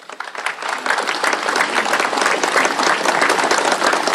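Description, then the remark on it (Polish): A large audience applauding at an awards ceremony as laureates are invited to a photo with the presidential couple, dense overlapping clapping that swells in the first second and then holds steady and loud throughout, with no one speaking. “Zapraszamy do wspólnego zdjęcia z parą prezydencką, a od Państwa oczywiście wielkie brawa.”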